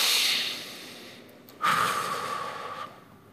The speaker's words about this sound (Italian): Fate un respiro tutti insieme, pronti? Uno, due, tre.